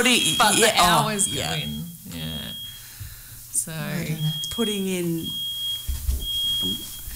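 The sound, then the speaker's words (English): A smoke alarm emits shrill, high-pitched beeps in several repeated bursts, moderately loud, sounding over a voice that keeps talking throughout. “The alarm.”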